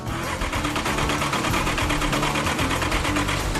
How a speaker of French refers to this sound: Pour la première fois depuis 2 décennies, ce moteur construit à la main s'ébroue. Mais ce n'est pas encore le rugissement qu'espérait Fuzz.